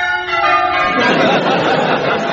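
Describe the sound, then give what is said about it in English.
Wedding church bells peal loudly and continuously, their overlapping ringing tones blending into a rich, sustained clang without pause. “Just listen to those bells. Aren't they magnificent?”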